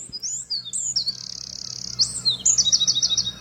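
A Eurasian wren sings a rapid, high-pitched run of fast-modulated whistles and fast trilling notes, loud, with no voices and only a faint background hum.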